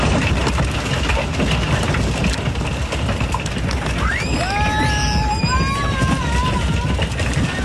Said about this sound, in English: Hail hit communities across parts of Colorado yesterday. That sound came from